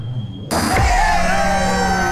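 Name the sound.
crowd cheering and applauding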